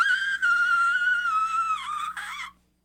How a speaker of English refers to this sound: I think the control and the whistle is hard.